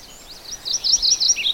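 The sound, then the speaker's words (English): A brush warbler, a bright bird with a yellow breast and a gray bib edged in black, sings a rapid run of bright, high chirping notes that starts faint and quickly grows loud and clear, with no voices over it. “And they're kind of a brush warbler, so they don't show themselves often.”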